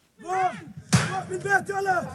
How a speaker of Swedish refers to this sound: Så här låter det när tonåriga bosättare ger sig på den låsta grinden till en palestinsk familjs ägor i Al-Murayr, centrala Västbanken. Händelsen dokumenterades av BBC i lördags och är ett exempel på det upptrappade våldet.